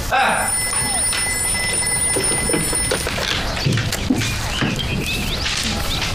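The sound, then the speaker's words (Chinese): A telephone bell rings steadily for about three seconds in the sales department with a call for factory director Chen, a bright sustained trill, then stops. Busy room noise and indistinct voices carry on afterward. “严科长，陈厂长电话。 啊，转过来吧，我在销售科呢。”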